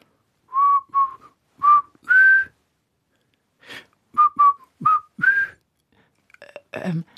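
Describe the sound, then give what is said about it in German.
Someone playing a role whistles, when asked to say or whistle something, a short melodic phrase of four notes, pauses, then whistles a similar phrase again, fairly loud, ending with a brief breathy rustle. “Okay, also dann probier doch mal, mir was zu sagen oder zu pfeifen vielleicht, ob ich das verstehe, dass du schon so richtig drin bist in der Rolle.”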